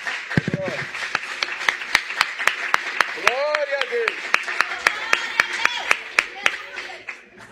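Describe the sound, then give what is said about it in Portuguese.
An audience at an evening church family service claps hands to salute Jesus in a steady, even rhythm of sharp beats throughout, while voices shout and call out over the clapping at moments. “Pode tomar o teu assento, desocupa as suas mãos por gentileza e vamos saudar a Jesus com as melhores palmas que nós temos nessa noite.”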